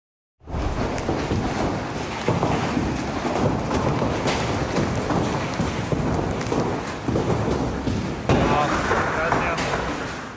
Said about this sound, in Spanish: Una intensa tormenta acompañada de granizo de gran tamaño sorprendió a los habitantes de Asunción, Paraguay.